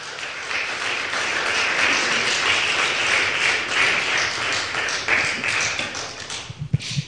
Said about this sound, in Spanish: ¿Cuántos dicen gloria a Dios? Un aplauso, eso.